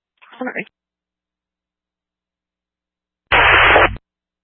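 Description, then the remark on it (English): A brief, garbled radio transmission, a few seconds of silence, then a loud, harsh burst of radio static lasting under a second before cutting off abruptly. “Through all static, are you code 4?”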